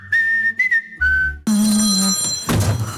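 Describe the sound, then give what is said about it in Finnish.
A loud electronic mobile phone ringtone announces an incoming call from the boss, playing a short, bright melody of steady synthetic notes with brief pauses between phrases, then becomes a denser, layered jingle near the end. No one speaks. “Iso pää soittaa.”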